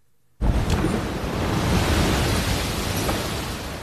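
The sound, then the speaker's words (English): After a moment of quiet, a large ocean wave crashes ashore in San Diego during coastal flooding, a sudden loud roar of surf that shakes the ground, churning steadily and beginning to fade slightly toward the end. No one speaks. “I'm not sure if you could see that as it happened, but a huge tide just came in that shook the entire ground where I'm at right now.”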